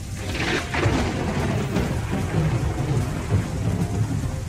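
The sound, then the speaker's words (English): Heavy rain pours steadily while deep thunder rumbles low and continuous underneath, a dense, dark, humid storm in Melbourne at about 6 p.m., with no voices. “He's home when the storm hits at about 6 p.m.”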